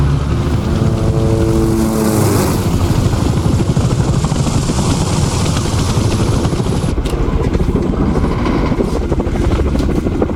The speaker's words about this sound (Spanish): El helicóptero está en camino.